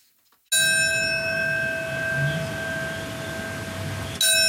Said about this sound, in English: On September 11, for the 25th year, bells will mark by the minute the moments that changed the world forever.